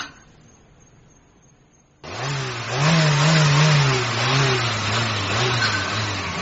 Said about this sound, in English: I wonder if you could turn the engine off, Ra. Just for a moment. I am very busy, Ra. And do you hear that? Do you hear how that engine sounds? Ah, that engine is happy now. It was unhappy when it was brought to me.